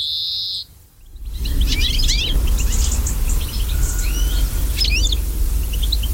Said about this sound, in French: Voilà un cousin du pinson, c'est le verdier. Lui aussi, ses effectifs se sont bien cassés la figure ces dernières années. Le magnifique fringille, ce granivore avec un bec puissant et ce plumage verdâtre avec des barres jaunes.